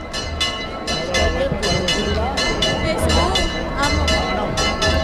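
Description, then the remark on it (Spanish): Church bells peal in quick, evenly spaced strikes, ringing bright and loud over a dense, continuous murmur of a large crowd during the procession of the Virgen del Rocío, carried by the people of Almonte. “Se escuchan las campanas y la gente, sí.”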